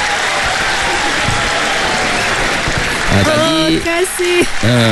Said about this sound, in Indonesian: Bagi tepukan. Terima kasih segalanya.